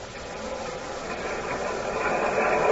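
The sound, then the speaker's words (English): An elevated L train rumbles by, a dense, hissing roar of wheels and rails that swells steadily louder over the few seconds, with no voices. “Wait for the L.”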